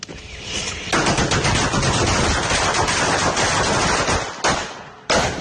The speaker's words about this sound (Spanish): me mandan unos cohetes. Esos son cohetes de verdad, es un gif de unos de una ametralladora.